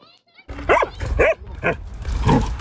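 A dog barks several times in quick, uneven bursts outdoors in Stewart Park in the afternoon, loud, over a steady low rumble of open-air background noise.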